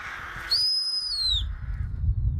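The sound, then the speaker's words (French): A person whistles to scare birds away: a single loud, sustained high steady tone held for about a second that dips slightly at the end, followed by low outdoor rumble and handling noise. “à chaque fois que je fais des fourchons, je siffle comme ça”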